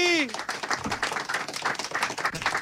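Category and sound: crowd, studio audience applause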